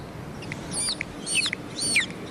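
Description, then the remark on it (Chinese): A voice imitates a baby chick with high, thin cheeping, a few quick peeping calls in clusters spread across about two seconds, clear over a faint background hum, as part of a live animal-imitation demonstration. “嗯啊，你比如说小鸡仔是这么叫。”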